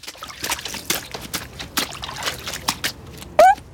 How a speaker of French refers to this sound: traverse la flaque en traînant ses bottes en caoutchouc dedans.